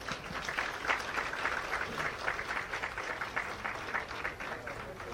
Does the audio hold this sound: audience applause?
yes